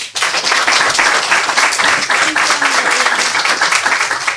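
A crowd applauds a young student author as he is introduced, many hands clapping in a dense, loud wash of sound that holds evenly for several seconds without pause.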